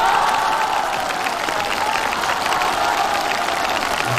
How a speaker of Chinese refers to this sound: 感谢大家的掌声鼓励， 谢谢各位。